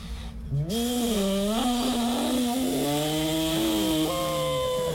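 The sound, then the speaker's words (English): A person imitates a jet boat engine with their voice, producing a continuous buzzy, droning roar for about four seconds. Its pitch wavers up and down throughout, with no other sounds. “All right, so we're making jet boat noises.”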